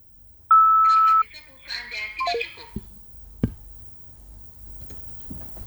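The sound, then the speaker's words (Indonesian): A single steady telephone beep after an operator message offering to put through a collect call, loud and clear, holding for under a second, followed by murmuring voices and a few light clicks and taps in the background. “Jika setuju, tunggu setelah nada bip.”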